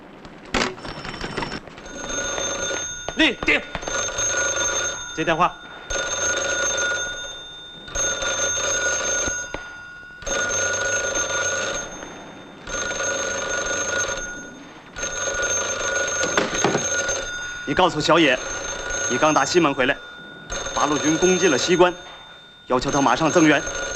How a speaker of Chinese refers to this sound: 立定，接电话。